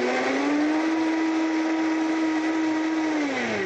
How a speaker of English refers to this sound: And we are going to go ahead and blend this up. And this is a great thing. You can make this in under a minute. We'll get it going there and blending.